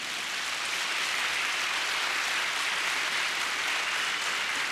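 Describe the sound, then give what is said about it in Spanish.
A church audience claps for the Lord, a dense wash of many hands applauding at once, fairly loud and continuous throughout with no voices standing out. “Dele palmas al Señor.”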